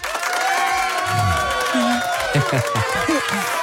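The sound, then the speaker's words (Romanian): A small, lively group claps and cheers, with several high, excited voices shouting over steady applause throughout. “Eu zic că maimuțelele ar putea aplauda.”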